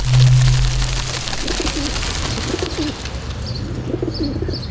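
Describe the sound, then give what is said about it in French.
Pigeons coo in soft, low, repeated phrases over a steady background hum, with a few faint high chirps from other birds; no one speaks. “Je repère tous les pigeons, j'ai un scan à oiseaux façon dans la ville.”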